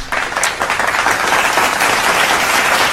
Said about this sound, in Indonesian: Tepuk tangan.